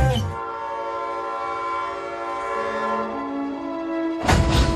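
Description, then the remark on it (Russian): A train pulled by a locomotive starts off very smoothly at the beginning of a long-distance rail journey, its steady tonal drone and horn-like hum slowly climbing in pitch as it gradually picks up speed, ending in a loud rush of noise. “Локомотив трогается очень плавно, почти незаметно. Поезд постепенно набирает ход.”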